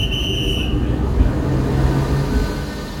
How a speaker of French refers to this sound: coup de sifflet retentit, le train s'ébranle lentement en direction Paris-Est.